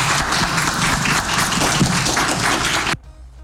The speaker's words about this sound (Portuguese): E eu fui um dos jornalistas que aplaudiram em pé o Bubista ali, que puxaram esses aplausos no final. Começa meio tímido, depois...